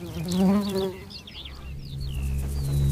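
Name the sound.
bees buzzing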